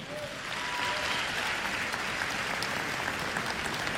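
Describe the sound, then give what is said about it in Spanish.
A crowd applauds steadily, giving a round of applause to God. A dense, sustained patter of many hands clapping holds an even loudness throughout without any talking. “Un aplauso a Dios nuestro Señor.”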